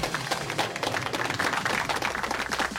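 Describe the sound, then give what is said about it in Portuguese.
An audience applauds the contestants of a quiz show steadily, a dense, even wash of many hands clapping at once with no voices over it, holding the same level throughout. “E então vamos pedir uma salva de palmas para os nossos concorrentes e até para a semana!”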